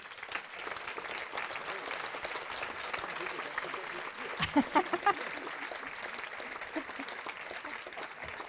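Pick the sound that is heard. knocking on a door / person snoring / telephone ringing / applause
applause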